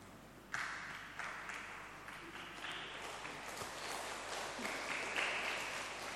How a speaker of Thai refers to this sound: ปรบมือดังๆเป็นกำลังใจให้กับลูกหลานของเรานะครับ